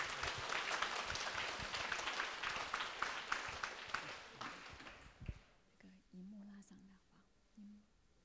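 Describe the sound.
A crowd applauds with dense, steady clapping for about five seconds, then it fades and a single voice begins speaking softly.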